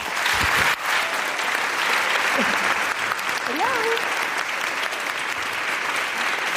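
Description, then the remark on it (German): Sustained, dense applause from a sizeable audience welcoming a female guest fills the whole stretch at a steady loud level, with a few faint voices calling out briefly beneath the clapping. “Bitte einen riesigen Applaus für eine grandiose Frau”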